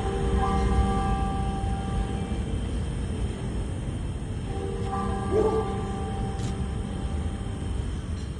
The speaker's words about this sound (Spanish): Solo el sonido de las campanas